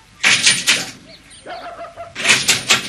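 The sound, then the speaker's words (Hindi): Two loud bursts of knocking on a house door by a postman delivering a registered letter, each a quick run of about three raps, separated by a quieter pause with faint background sounds. “दरवाजे पर दस्तक हुई।”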